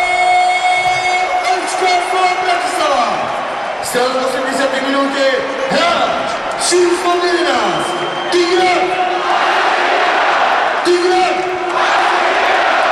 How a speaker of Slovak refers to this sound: Slovan Bratislava vyhráva nad Dunajskou Stredou 1-0 a je veľmi, veľmi blízko k tomu, aby dnes oslavoval zisk majstrovského titulu. Fanúšikovia jasajú, svetlice horia a Tigran Barsegian je spokojný.